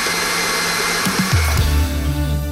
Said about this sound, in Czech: Metlu přidáme a šleháme 1 minutu pěkně do hladka.